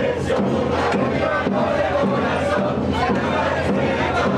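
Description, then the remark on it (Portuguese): A large crowd of football fans roars and chants together, cheering on Argentina during extra time of the 2026 final against Spain at Moca, a dense, continuous wall of voices that stays loud and steady throughout with no individual speaker standing out. “Mas ainda assim, a torcida empurrou.”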